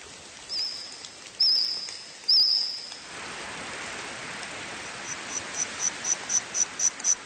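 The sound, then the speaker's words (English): Insects chirp and trill in a dense outdoor chorus, with a few loud buzzy trills early on, then a steady hiss and a rapid series of sharp rhythmic chirps building toward the end, recreating the insects of a forest in the Jurassic period. “Insects chirping, trilling and squawking there, making up the soundtrack of a new Steven Spielberg series called The Dinosaurs.”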